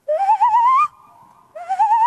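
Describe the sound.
A person imitates a tawny owl's call: two long, wavering, rising hoots, loud, joined by a softer steady tone in between, with no talking.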